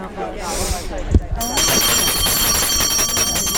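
After a moment of voices talking, a bell starts ringing: a bright, high, metallic jangle that rings steadily and fairly loud without pause until the end.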